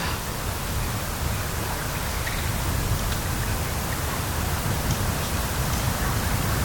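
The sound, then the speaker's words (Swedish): Gentle sea water washing against stones in the dark makes a soft, steady hiss-like wash that runs continuously without distinct separate surges. No one speaks. “Så hör man ju det här lite försiktiga ljudet av havet som spelar in emot stenarna.”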